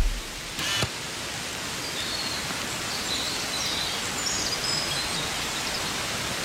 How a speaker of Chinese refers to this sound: 这雨来得突然，此乃端午时节常见的龙舟水。